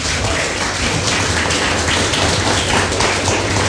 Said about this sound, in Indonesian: Tepuk tangan dulu.